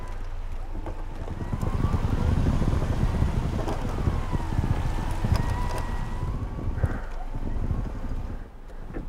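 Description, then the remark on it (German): A steady electric motor whine hums over heavy low rumble and outdoor noise as a winch mounted on a car, operated by remote control, reels in cable, holding a fairly constant pitch for several seconds before easing off. “Die Seilwinde an seinem Auto bedient er mit einer Fernbedienung.”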